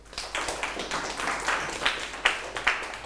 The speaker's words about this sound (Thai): ถูกต้องครับปรบมือให้กลุ่ม2หน่อยครับ